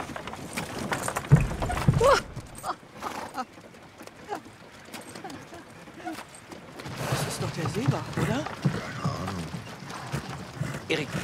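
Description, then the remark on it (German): Horses' hooves clip-clop in a steady, uneven patter during a horse-drawn ride, with a loud burst of knocking early on and a denser, busier stretch later, while muffled voices murmur underneath. “Das sind Pferde und keine Ferraris.”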